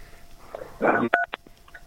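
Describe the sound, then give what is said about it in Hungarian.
A short electronic phone-keypad beep from a caller pressing a button on a phone line, followed by a quick second blip, right after a brief crackly burst of line noise; no one speaks. “Bocsánat, csak megnyomtam azt valamilyen gombot, de mindjárt lelejtem.”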